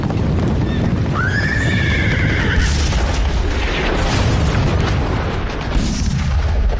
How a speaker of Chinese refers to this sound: 乌贝口长城方向的隆隆炮声传到了北平城。